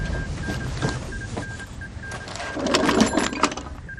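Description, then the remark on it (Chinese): A field telephone at a division command post is cranked and rung to call the forward position: rapid mechanical rattling clicks over a pulsing, steady electronic tone, fairly loud, growing busier toward the end, with no voices. “给前阵地打电话，问问发生了什么事。”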